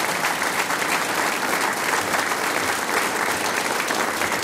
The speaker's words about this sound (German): Das ist ein Applaus. Dankeschön.